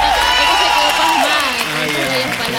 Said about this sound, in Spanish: A mí no me puso aplausos, a ti sí te puso aplausos.